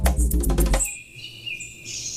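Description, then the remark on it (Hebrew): Music with rhythmic beats cuts off at the end of a song, leaving high, thin bird chirps and tweets that trail on alone over a quiet background, moderately loud. “אפילו יש כאן בסוף מיד את הציות של הציפור.”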